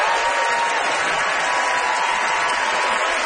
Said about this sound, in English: Okay. Distinguished applause.